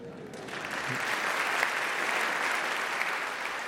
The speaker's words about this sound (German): Wie der Applaus zeigt, schätzt das Publikum im HR-Sendesaal die Arbeit von Darcy James Argue, und der schätzt sich, wie er sagt, sehr glücklich, dass er dank der HR Big Band mit einigen seiner liebsten Musiker zusammenarbeiten durfte.